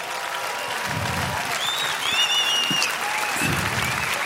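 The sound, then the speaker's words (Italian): An audience at a jazz concert applauds steadily for trumpeter Terence Blanchard and his fellow musician, a dense wash of clapping with a few high whistles cutting through midway, and a low murmur of voices underneath. “Fate un applauso che sono qua dietro.”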